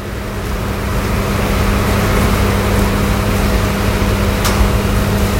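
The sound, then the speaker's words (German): Ambience on track 22 of a suburban train station platform in late autumn: a steady, fairly loud low rumble with a droning mechanical hum throughout, and one brief sharp click near the end. No one speaks. “Wirklich eine schöne Station, erinnert so ein bisschen an so eine leicht modernere Variante S-Bahnhof Berlin-Lichtenberg.”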